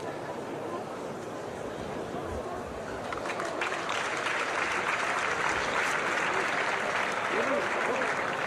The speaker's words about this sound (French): Oui, on a entendu les applaudissements.